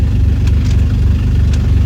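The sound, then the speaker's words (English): A loud car engine idles roughly and steadily, its deep low rumble pulsing unevenly without any revving or voices. “Kind of a loud car.”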